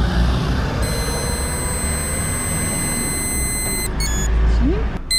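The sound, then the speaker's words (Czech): During a police roadside check of a motorcyclist, a steady, high-pitched electronic tone from a breathalyzer holds for about three seconds while he blows a smooth exhalation into the tube, then cuts off into a couple of short beeps, over a constant low engine rumble. “Po dobu tónu foukat do té trubičky plynulý výdech, jo?”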